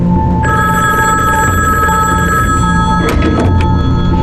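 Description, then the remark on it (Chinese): A telephone bell rings loudly in a continuous, steady trill for a few seconds, then breaks off into a couple of sharp clunks near the end. “你总算接电话了。”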